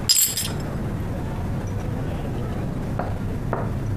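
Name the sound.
glasses clinking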